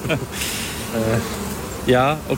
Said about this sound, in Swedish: Nu börjar det komma, nu kommer det lite bin här på oss. De börjar bli lite nyfikna. De kanske blir lite nervösa när vi börjar prata om att tända eld på dem.